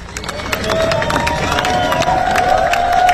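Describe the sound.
Hundreds of fans applaud and cheer as a procession brings a singer's coffin, draped in the Welsh flag, home through the Mumbles along Newton Road; dense clapping runs steadily throughout, with scattered shouts and voices rising above the sustained roar.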